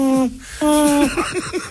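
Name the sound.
little owl hooting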